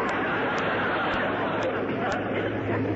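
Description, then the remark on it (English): A dense, steady murmur of many voices talking at once from a crowd gathered to meet someone, with no single speaker standing out, holding a constant loudness throughout with a few faint sharp clicks. “Well, quite a crowd to meet old Deadeye, huh?”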